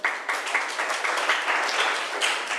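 A group of students in a class claps together for a classmate who answered a question, a dense, steady patter of many hands sustained for a few seconds with slight swells, moderately loud and with no voices over it.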